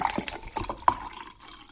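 Water pours into a drinking glass in a steady gurgling stream with a ringing tone and a few splashy bursts, lasting under two seconds with no one talking.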